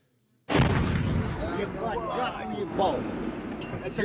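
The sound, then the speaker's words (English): A sudden loud explosion bursts out of silence as a drone strike hits a residential building in a Russian town in Tatarstan, over 1,000 kilometers from Ukraine, followed by a sustained roar and rumble of debris while people shout and talk over the noise. “This is the moment a residential building was hit in a Russian town in Tatarstan, over 1,000 kilometers from Ukraine.”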